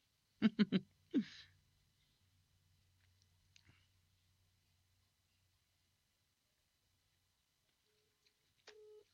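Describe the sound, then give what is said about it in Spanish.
A few quick, loud telephone ring bursts at the start, followed by a faint low hum and near-silence, then one short electronic tone near the end. “la que teléfono ring, ¿no?”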